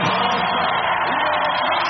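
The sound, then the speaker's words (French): A large crowd applauds and cheers in a loud, unbroken roar as Léon Marchand steps onto the top of the podium to receive his medal, the dense wash of clapping and shouting holding steady throughout without any single voice standing out. “Pas besoin de parler, on l'entend à l'applaudimètre.”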